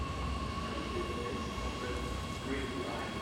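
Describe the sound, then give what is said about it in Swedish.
A commuter train in Stockholm rumbles along the tracks, still running while construction work on the Citybanan line goes on, a steady, loud low roar with a faint high whine running through it for the whole stretch. “Tågen står inte stilla trots att arbete pågår.”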